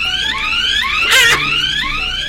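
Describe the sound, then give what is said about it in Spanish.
The fire alarm of Del Sur, activated during a fire, wails loudly and steadily, its electronic tone sweeping upward again and again in a rising cycle, with a brief burst of harsh noise in the middle and no voices. “Al ver el peligro, Max activó la alarma de Del Sur.”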